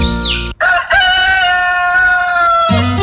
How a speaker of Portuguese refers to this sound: Bom demais, minha gente, o Galo Índio informa a hora certa, 5h29, pra você que tá acordando agora.